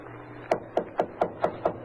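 Seven quick, evenly spaced knocks on an unlocked wooden door, each a sharp hollow rap, over a faint low hum with no voices.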